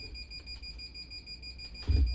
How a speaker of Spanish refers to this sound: se escucha. Oh, de nuevo, la alarma.